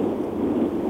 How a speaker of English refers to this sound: Where you're in the car, I can hear that. Where are you? I'm I'm just taking the kids to the lake school.